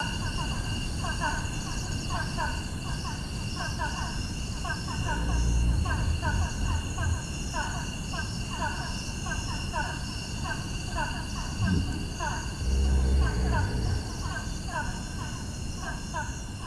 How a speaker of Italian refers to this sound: Questi sono gli ippopotami della Sierra Leone.